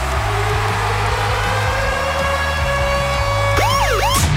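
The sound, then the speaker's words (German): The Virgin Radio Konzertsummer Alarm jingle: sustained, harmonic-rich tones ride over a pulsing low beat, then rising and falling siren wails sweep up and down in the final second. No one speaks. “Und zwar immer dann, wenn er losgeht, der Virgin Radio Konzertsummer Alarm.”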